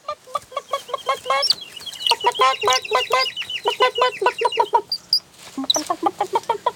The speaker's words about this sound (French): La maman poule arrive et derrière elle, il y a tous les frères et sœurs du petit poussin jaune qui la suivent à la queue leu-leu. Ils sont très heureux d'avoir retrouvé leur petit frère.